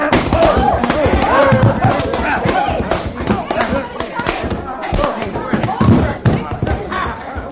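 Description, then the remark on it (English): A punch lands with a heavy thud amid a dense scuffle of voices and clatter, followed by another dull impact as a man is knocked to the ground. “You darn near knocked his head right off his shoulders, you did.”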